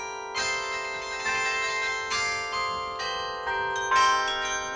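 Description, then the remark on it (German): An Advent carillon rings out a slow melody, each struck note overlapping the last with long, shimmering sustain; a steady chime with no voices. “Und ein adventliches Glockenspiel passt gut zum Ende meiner Herbstreise.”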